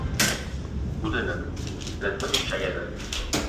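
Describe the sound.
The entrance door of building D21 of Wrocław University of Science and Technology is opened by its handle on the right and walked through, with a sharp latch click at the start and a couple of later knocks and clunks, over a steady murmur of background voices.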